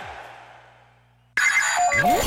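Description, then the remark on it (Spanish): A mobile phone ringtone chimes with bright electronic tones that fade, then a sudden loud, dense burst of sound cuts in for the last second. “En mi celular, ….”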